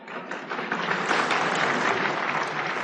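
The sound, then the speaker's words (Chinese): Steady applause from an audience, a dense wash of many hands clapping that swells in the first second and then holds at an even, fairly loud level with no voices over it. “你看人这同志们一鼓掌，这是了解我，就是知道我怎么个意思。”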